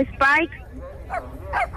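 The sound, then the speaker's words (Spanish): A medium-sized German shepherd puppy with brown paws and a black body and snout whines in high, tonal bursts: one loud, drawn-out cry followed by two shorter, softer whimpers, set against a low background hum. “¡Está chillando, perrito!”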